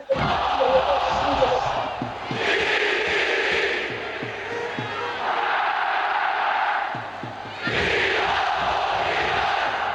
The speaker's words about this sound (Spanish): Y ese puñado de hinchas, te prometo que ya se está haciendo escuchar ese aliento con los globos celestes, con la bandera de Bolivia en alto.